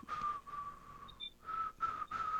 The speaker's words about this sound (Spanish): Voy a silbar mientras tanto. ¿Saben qué? Cuando dicen que la gente silba, están tramando algo. Yo estoy tramando algo, se lo aseguro.